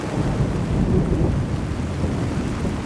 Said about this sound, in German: Eine biblische Sintflut. Die Regenmassen fließen in den Hof der Synagoge Oranienburger Straße in Berlin-Mitte.